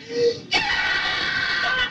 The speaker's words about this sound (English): That's me screaming.